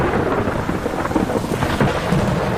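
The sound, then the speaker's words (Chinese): A steady, heavy downpour hisses across the whole clip while deep thunder rumbles low and continuously underneath, loud, with no voices; a storm that threatens white storks in their exposed nests. “暴风雨常常对白鹳构成威胁，因为它们的巢完全暴露在外。”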